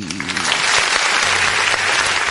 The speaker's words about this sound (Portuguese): Aperta, danado! Desse botão aí, produção. Daí pelo menos os parabéns aí, né? Ou então os aplausos pra nossa aniversariante.